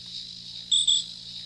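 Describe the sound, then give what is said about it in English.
A steady, high-pitched chorus of crickets trills outdoors, with two brief, louder chirps standing out over a faint low background hum. “Little crickets, little night stuff, I guess.”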